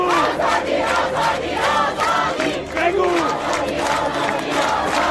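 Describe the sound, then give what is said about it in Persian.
A large street crowd shouts the slogan "woman, freedom" in unison, voices rising and falling in a steady chanting rhythm, loud and continuous throughout with the dense roar of many people. “حالا خیابان همین دو کلمه را کنار هم فریاد میزند.”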